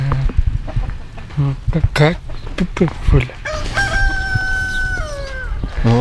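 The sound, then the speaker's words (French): A hen clucks in short, choppy bursts, then lets out a longer drawn-out call, with people talking in the background throughout, on a farm at a residential home for adults with intellectual disabilities. “On m'approche pas la poule.”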